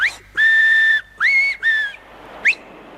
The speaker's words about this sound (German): Mittagszeit. Fremdenzeit. Zeit, auf den Finger zu pfeifen. Dreimal. So.